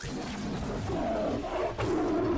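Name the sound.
tiger roaring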